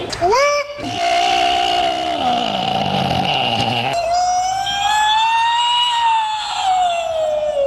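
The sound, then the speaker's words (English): A person lets out a long, loud wailing call imitating a Bigfoot cry, rising and falling like a siren and a bird with strained, roaring tones, sustained for several seconds. “Sounds like a siren and a bird.”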